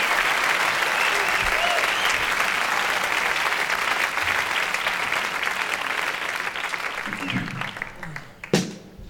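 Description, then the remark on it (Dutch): A sustained burst of audience applause, dense and steady, with many hands clapping at once before it thins out near the end, followed by a sharp knock-like thump. “Ja, dat was applaus voor jezelf natuurlijk.”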